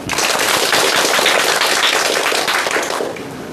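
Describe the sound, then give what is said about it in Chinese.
An audience bursts into steady, dense applause welcoming a professor to give a demonstration recitation, a loud crackling wash of many hands clapping at once that holds for a few seconds and then begins to taper off. No one speaks over it. “大家掌声欢迎。”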